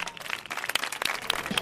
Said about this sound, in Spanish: Porque detrás de cada uno de vosotros y vosotras hay una historia de esfuerzo, superación y constancia. Y eso merece ser reconocido. Un fuerte aplauso.